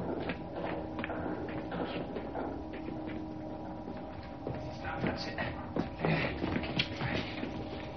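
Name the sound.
footsteps approaching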